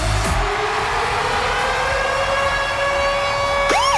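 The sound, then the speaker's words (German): A siren-style ticket alarm jingle from a radio morning show, which goes off between 6 and 9 a.m. for ticket giveaways: one sustained, steady wailing tone that creeps slowly upward in pitch, then a quick swooping sweep at the end. No one speaks over it. “geht zwischen 6 und 9 Uhr morgen der Ticket-Alarm los, und das tönt so.”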